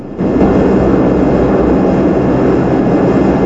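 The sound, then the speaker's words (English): A heavy, continuous drone of bomber aircraft engines in flight at 10,000 feet, loud, rising in after a brief moment and then holding steady with a deep rumbling roar throughout. “We're at 10,000 feet, let's hear those oxygen checks.”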